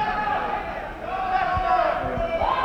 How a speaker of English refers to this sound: All of you girls in the audience to notice that the boys that are screaming out, we notice the girls don't usually scream out, but the boys that are screaming out, when they want to be entertained that fast, stay away from them.